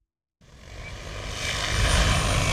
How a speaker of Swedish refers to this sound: Vi står bredvid en åker i Haddum i Lovisa. En stor drönare, nästan 3 meter gånger 3 meter stor, flyger fram och tillbaks och sprider ut kalk från en behållare under till.